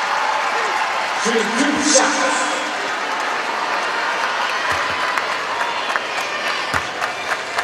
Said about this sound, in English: Teammates clapping in the background, and Mitchell too strong on the free throw attempt, her first of the night.